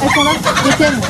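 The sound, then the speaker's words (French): Laying hens clucking in Mulhouse, France, a busy overlapping chatter of short throaty calls running steadily and fairly loud through the brief moment, with no one speaking. “depuis 6 ans, à Mulhouse, la mairie en distribue gratuitement pour ceux qui le souhaitent 2 poules pondeuses par famille”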